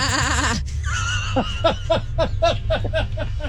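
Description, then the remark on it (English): A human voice mimics a sheep, starting with a loud, wavering, quavering bleat, then breaking into a quick run of short, choppy pulses that sound like stuttered baa-ing. “That was a pretty good impression.”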